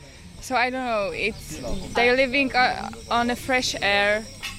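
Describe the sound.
A steady, high-pitched chirring of cicadas, heard in the evening from the balcony of a lodge, fills the background throughout, continuous and moderately loud, while a person speaks over it in the foreground.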